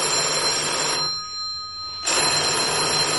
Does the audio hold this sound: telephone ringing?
yes